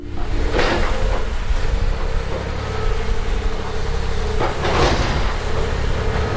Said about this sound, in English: An enormous excavator hacking away at the southwest side of Central Grade School, opening a wall. You could look right in and you could see down a hallway lined with lockers. The demolition is part of a multi-million dollar renovation project.